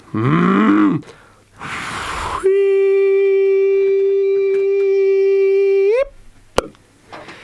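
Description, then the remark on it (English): A cow moos: a short, low, wavering moo, a breathy rush, then a long, loud, steady moo that rises sharply at its end before a brief click. “I'm sure the cow puts some on for you.”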